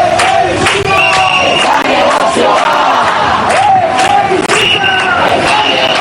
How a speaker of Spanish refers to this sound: Al grito que escuchamos de Chebisitza ez da negozioa, intentando cortar la carretera, los manifestantes respondían a la llamada del sindicato de inquilinas para tratar de impedir sin éxito el desahucio